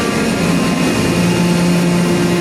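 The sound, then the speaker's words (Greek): A steady, loud airplane engine drone with a whining hum, the sound of a plane taxiing toward takeoff, carrying the Holy Belt of the Theotokos back from Serbia, holding an even level throughout with no voices. “Το αεροπλάνο τροχοδρομεί για την απογείωση.”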